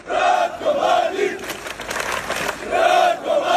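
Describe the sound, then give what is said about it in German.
Hundreds of demonstrators chant the name of Ratko Mladic in unison while waving Serbian flags on a Thursday evening in the streets of Zvornik, eastern Bosnia, Republika Srpska, rising in loud rhythmic bursts with a ragged, noisy stretch of shouting in the middle before the chant swells again. “Die Demonstranten skandierten Mladics Namen und schwenkten serbische Flaggen.”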